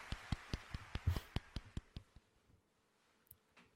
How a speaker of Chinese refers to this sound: 还有脸鼓掌呢，哎呦。